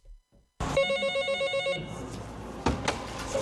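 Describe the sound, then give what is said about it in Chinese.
A telephone rings with an electronic warbling tone for about a second at the approval service window of the Fuxin Municipal Market Supervision Administration in China, a help call from a merchant with limited mobility, then gives way to clicks and handling noises as the call is picked up; no one speaks. “日前就接到一位行动不便的商户打来的求助电话。”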